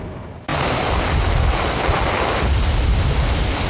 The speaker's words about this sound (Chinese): 现在是晚上的7点半，那么距离这个台风美沙克登陆1小时之后，记者所在这个陵水的土福湾附近依然感受到这个风力的强大，那么现场雨依然很大，像豆粒般打在脸上，特别的生疼，并且记者看不清楚眼前的情况。